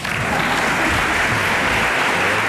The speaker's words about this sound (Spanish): Pero hay un público numerosísimo que se hace presente con este tipo de aplausos espontáneos.